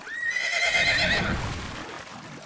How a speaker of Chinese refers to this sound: 话音刚落，只听那的卢马嘶鸣一声。